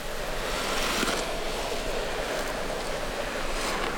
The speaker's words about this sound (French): Tu entends le souffle du vent?